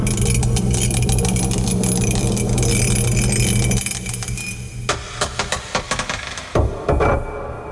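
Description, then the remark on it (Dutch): A die is rolled to pick a category: a steady, busy rattle for several seconds, then a series of sharp, uneven clicks and taps as it spins and clatters to a stop, landing on number 1. No voices. “Hij tolt nog eventjes na. Het is nummer 1 geworden vandaag.”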